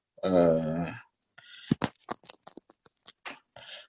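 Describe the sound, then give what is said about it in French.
A pencil or pen scratches across paper in a quick, irregular series of short strokes as a sketch is drawn, a large circle with a small circle in the middle, after a brief low hum from a voice at the start. “Parce que les royaumes, je fais un croquis ici pour...”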